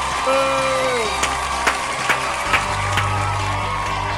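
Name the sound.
applause and cheering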